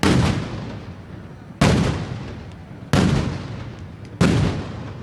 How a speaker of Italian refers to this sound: Le sparate, i fuochi d'artificio, insomma il cuore della giornata è scandito da questi botti